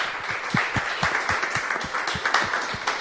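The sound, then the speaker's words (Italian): Steady theatre audience applause after the final silence of a performance, a dense wash of many hands clapping with a few sharper individual claps standing out in a loose rhythm, moderately loud and continuous throughout. “nella speranza che ci sia una tensione, che ci sia una profondità nello spettatore per arrivare poi a quello che è il necessario silenzio finale prima degli applausi, che c'è come sempre in ogni ritualità teatrale.”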